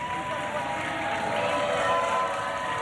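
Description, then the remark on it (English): A large crowd at the Ocho cheers and applauds in a steady, dense roar that holds at a fairly loud level throughout, with scattered voices rising out of the noise. “Crowd loving it.”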